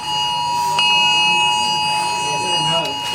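Many mobile phones sound an emergency alert test tone and vibrate in the queue for early voting at Östermalm library in Stockholm: a loud, piercing electronic tone that holds without a break throughout, with murmuring voices underneath.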